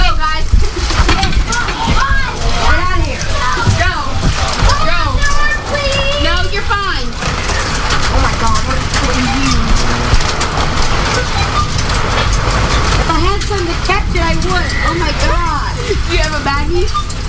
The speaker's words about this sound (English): Dime-sized hail, too. Like. Wow. Yes. It is dime-sized. I have two pieces of dime-sized in my hand. All right, I need to get on my radio. All right. Yes, dime-sized hail.